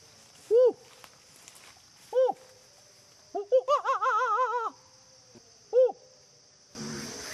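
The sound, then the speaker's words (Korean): A man's voice imitates monkey calls in a forest to call monkeys down from the trees: short hooting whoops, a rapid warbling burst of chattering hoots in the middle, then another lone whoop, loud against faint outdoor ambience. “제가 소싯적에 원숭이 말 좀 했거든요. 제가 한번 불러보겠습니다.”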